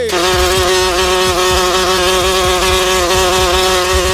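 A fly buzzes steadily, a continuous droning hum with rich overtones that wavers slightly in pitch, with faint low thumps underneath and no talking.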